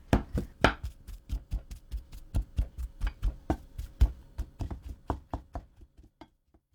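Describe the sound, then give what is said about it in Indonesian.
A spoon mashes hot sweet potato in a bowl, producing a steady series of soft thumps and taps, about twenty in quick rhythm, with no talking. “Menghaluskan ubi dengan sendok memang lebih mudah, tapi pastikan jangan ada gumpalan.”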